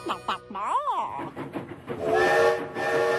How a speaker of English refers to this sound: The train's never early. It's never late. It's always just on time.